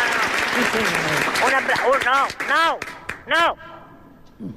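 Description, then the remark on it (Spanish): A large theatre audience at the Teatro España claps in a dense, continuous patter while voices shout and cheer over it in rising bursts, applauding the listeners at home; the applause thins out toward the end. “Por lo tanto, pido a toda la gente que está aquí en este Teatro España, por favor, que mande un aplauso enorme a los oyentes que están en sus casas.”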